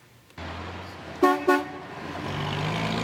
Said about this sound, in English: There's plenty of daily traffic through this three-way stop in Martindale. It's one of the main roadways in and out of the Northeast community, and according to new city data, it's the riskiest intersection in Calgary without pedestrian lights,